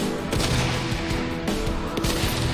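Small explosions set off to disrupt a sniper during shooting training pop and crack at irregular intervals over a dense, steady rumble of noise, with three or four sharper blasts standing out. No one speaks.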